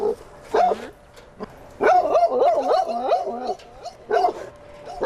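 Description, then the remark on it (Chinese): A dog gives a series of high, whiny barks and yelps in uneven bursts, with a longer stretch of excited vocalizing in the middle and brief pauses between. “那对于有些狗狗来说，他就会产生一些行为上的问题，他可能会吠叫。”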